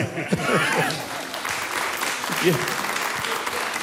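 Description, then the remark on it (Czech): Steady, dense clapping fills the whole stretch at moderate volume, a crowd applauding continuously while voices murmur underneath. “Prostě, ano, jestli to bych mohl vyjádřit, já bych jim zatleskal.”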